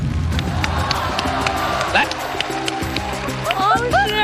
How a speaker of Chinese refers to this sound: 好，接下来这样，王迅老师，鉴于你对科学有如此高的这种信念和确认程度，所以我们掌声有请王迅先生进入到车内。